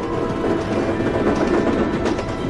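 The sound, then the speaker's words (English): A steady, loud rumble of a moving train rolling along the tracks, with a continuous clattering roar and faint rhythmic knocks, with no voices. “Our view drifts out of the traveling train, then brings us to Harry, Ron, and Hermione's compartment.”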